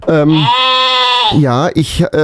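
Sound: sheep bleating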